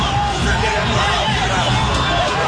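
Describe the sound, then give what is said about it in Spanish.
A football crowd roars and shouts in a dense, continuous wall of noise, with many voices blending into a steady, loud hubbub for the whole stretch and no single voice standing out. “Escuchamos los gritos, ahí está.”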